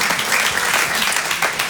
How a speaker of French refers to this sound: Ça vaut le coup d'applaudir.